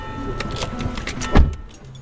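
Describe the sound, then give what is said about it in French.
Several people climb into a car: jangling keys, rustling movement and shuffling, then a solid thud of a door or body settling in, followed by a low idle hum. “On prend ta voiture, Maïlis, alors je monte devant, d'accord?”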